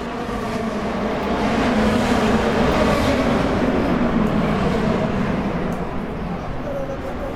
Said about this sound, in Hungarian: Az amerikai kormányzati és múzeumi negyed hatalmas épülettömbjei jócskán visszhangozták és visszaverték az egyenként akár 800 lóerős motorok hangját.